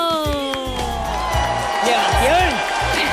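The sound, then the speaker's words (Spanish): Steady applause fills the background while voices cheer and whoop over it, with rising and falling shouted tones and a moderately loud, continuous crowd texture, welcoming a guest on the Radio Nacional programme Las tardes. “Sí, porque si solo aplaudo yo no es lo mismo.”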